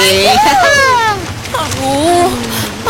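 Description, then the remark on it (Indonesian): A steady wash of waves splashing on a beach fills the background, while voice-like sliding tones rise and fall over it. “Kita di pantai, yeah, coy!”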